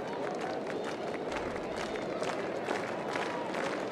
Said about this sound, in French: Compte complet, deux retraits, la foule s'anime, voici le lancer.